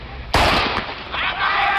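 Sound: starting pistol shot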